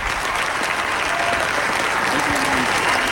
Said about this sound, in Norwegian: Nå får vi se om dronning Sonja også skal dukke opp på balkongen. Det gjorde hun til stor jubel fra folket.